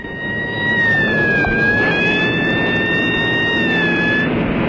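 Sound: alarm siren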